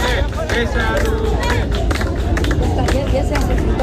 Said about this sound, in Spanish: Pues sí, ha sido hace unos minutos, ha llegado aquí el Papa León XIV y lo ha hecho bajo estos cánticos.